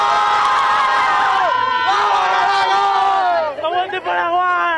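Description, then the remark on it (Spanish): A group of voices, including women, shouts a goal cry for Paraguay on Palma, sustained, loud overlapping yells of "¡Gol!" rising and falling in pitch, with a brief dip near the end before resuming. “¿Cómo se grita acá sobre el Palma? Gol de Paraguay.”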